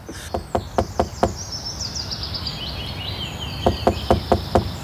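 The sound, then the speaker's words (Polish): Two quick bursts of firm knocks on a wooden hut door, about five raps each with a pause between, the second burst knocked harder, while birds chirp and twitter steadily in the background. “I jeszcze raz puknę, tylko mocniej.”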